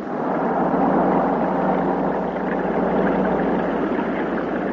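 A boat engine drones steadily and loudly throughout, a continuous rumbling hum with a rough, washy texture, with no voices.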